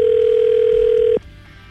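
A steady, loud telephone dial tone hums for just over a second while a call is being placed, then cuts off abruptly, leaving faint background noise.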